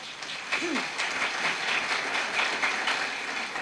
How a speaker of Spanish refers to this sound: De esta manera pongo en tu mano, y pueblo de Dios, alaban, glorifican con lluvia de aplauso.